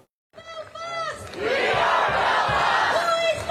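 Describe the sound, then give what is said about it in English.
A large crowd at a counter rally in the UK against violent anti-immigration protests shouts and chants together, starting with a few raised voices that swell after a second into a loud, sustained roar of many people yelling at once. “Hundreds gathered across the UK in counter rallies against recent violent anti-immigration protests that led to multiple arrests and damage to civilian property.”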